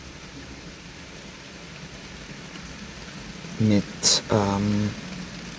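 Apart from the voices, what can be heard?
rain falling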